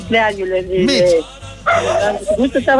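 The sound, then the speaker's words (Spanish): A dog barks and yips in several quick, high-pitched bursts, with a short pause midway, while people talk. “Felicito, el perro.”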